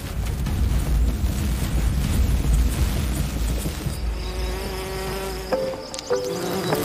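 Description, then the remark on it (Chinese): A bee buzzes, a steady droning hum that starts amid a rough, rumbling rush, then settles into a clearer whine with brief pitch shifts near the end. No one speaks. “当蜜蜂接触花朵时，正负电荷互相吸引。”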